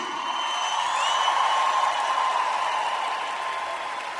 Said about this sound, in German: Ich rappe und ich rappe sehr gerne und ich habe zwei Gäste dabei, die ich auf den Jams kennengelernt habe und die meine besten Freunde sind. Kräftigen Applaus für